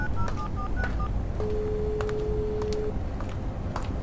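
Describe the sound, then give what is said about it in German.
A mobile phone dials a father's number: about five quick electronic keypad beeps in a row, then one long steady tone, over a low background rumble with faint clicks. “Erin zog ihr Handy hervor und wählte die Nummer ihres Vaters.”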